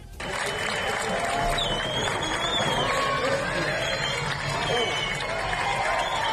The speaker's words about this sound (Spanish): Y así es como fue sacado del agua. Este es el momento en el que el vehículo finalmente es sacado del agua y los vecinos, los mutricuarras y las mutricuarras aplauden.